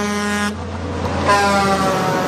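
A truck rumbles along the road on a Sunday while its horn blares in two long, loud blasts with a brief gap between them, with no voices.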